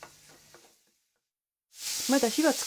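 After a brief quiet pause, loud sizzling of minced meat frying with finely chopped ginger in a pot starts up as it is stirred with a wooden spatula to make fine-grained soboro, while someone talks over it.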